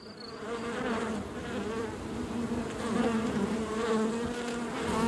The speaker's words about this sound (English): The humble honeybee is the most widespread bee in the world today. And it's all down to our love of honey.